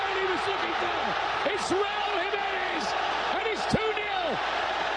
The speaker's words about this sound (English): Oh, baby, that crowd is fired up in Mexico City. The sound courtesy of Fox Sports. The second goal coming in the 67th minute.